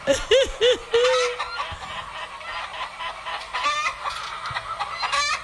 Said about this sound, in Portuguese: Ah, agora as galinhas.